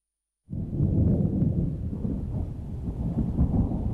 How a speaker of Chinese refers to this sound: 四月底的广州渐渐沉闷潮湿起来，远处滚过的雷声预示着一场暴雨即将来临。